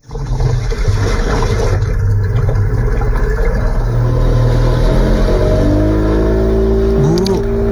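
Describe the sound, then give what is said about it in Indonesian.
A steady, loud motor drone rumbles over water, its pitch climbing and wavering toward the end as the boat engine comes close. No voices are heard. “Perahu sudah dekat.”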